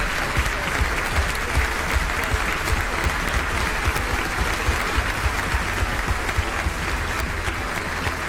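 A large audience applauds steadily for several seconds, a dense, even wash of clapping that stays loud throughout with no voices standing out.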